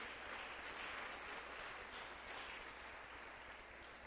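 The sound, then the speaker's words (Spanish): An audience at a church service applauds steadily for all who consider themselves members of the family of Christ, a dense wash of many hands clapping at a fairly even level throughout, with no voices standing out above it. “Dele un aplauso a todos los que nos consideramos miembros de la familia de Cristo.”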